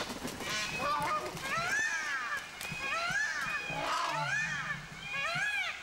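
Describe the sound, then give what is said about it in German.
A flock of geese cackles and honks loudly and continuously while spreading their wings and running, their overlapping calls rising and falling with no pauses. “Aber die gehen da wirklich mit Enthusiasmus, breiten sie die Flügel aus und fangen dann das Rennen an und schnattern ganz laut und führen sich auf.”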